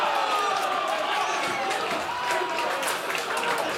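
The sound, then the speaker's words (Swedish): Slovak away fans of Slovan Bratislava roar and cheer at Strandvallen in Blekinge after the 1-1 equaliser in the 78th minute of a Champions League qualifier against Mjällby, a dense wall of voices with scattered clapping and whoops, loud and sustained throughout without a break. “Borta jubel, ett slovakiskt sådant på Strandvallen i Blekinge.”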